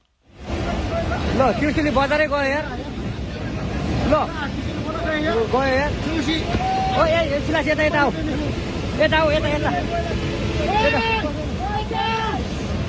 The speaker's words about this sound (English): Panic recorded on that smartphone as water is surging through a town, sweeping away a bridge. The disaster is thought to have been sparked by the collapse of a glacier in the Himalayas.